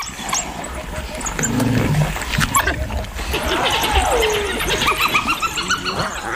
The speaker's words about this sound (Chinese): 哦，是斑鬣狗，斑鬣狗来了，这下可热闹了。